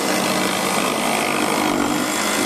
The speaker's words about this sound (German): Es ist eine riesige Freiluftwerkstatt an diesem Wochenende auf dem Festivalgelände in Ferropolis. Diesmal kreischen da keine Gitarren, sondern Kreissägen. Es wird gefeilt, gehämmert und gebohrt. Eine Art Werkunterricht im Freien.